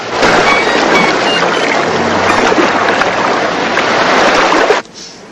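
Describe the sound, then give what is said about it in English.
Shallow waves in a sunlit bay wash and lap over a silver watch lying on a rock amid stray leaves of kelp, in a steady, fairly loud rush with no talking, ending abruptly after about five seconds. “Shallow waves lap over Mac's silver watch, lying forgotten on a rock amid stray leaves of kelp.”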